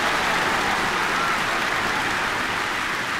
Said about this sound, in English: Thank you, fans. Yes, wonderful to be with you this afternoon. No, they're not applauding for me.